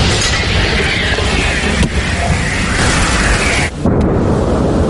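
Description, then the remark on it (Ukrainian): A loud artillery gun fires a heavy artillery shell from a camouflaged position near the coast, a heavy blast spreading into a sustained, booming roar with a sharp crack midway. The rumble briefly drops out near the end, then resumes. No voices. “Заряджай! Заряд! Постріл!”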